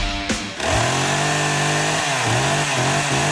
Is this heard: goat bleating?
no